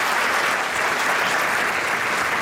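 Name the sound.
theater audience applause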